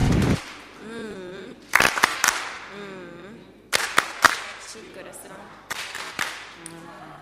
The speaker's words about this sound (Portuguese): Muito obrigada. Palmas carinhosas.